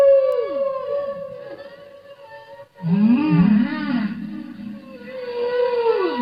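Echoing underwater whale calls with natural, unfiltered ocean echo: long, wavering tonal moans that slide down in pitch, a brief hush, then louder, lower swooping cries layered over a reverberant ocean backdrop, with no voices.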